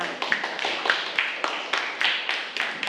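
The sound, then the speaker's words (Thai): Students clap for themselves in a steady, rhythmic burst of applause, the sharp, bright claps repeating rapidly and evenly for a few seconds with no talking over them. “ค่ะปรบมือให้กับตัวเองด้วยค่ะ”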